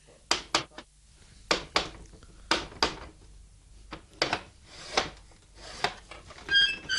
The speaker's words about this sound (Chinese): 啊，道门闩实，点算好？唉，郑仁来啊，郑仁来，你既然有胆嚟到门口啦，点解唔够胆敲门啫？哎，敲门啦、啊！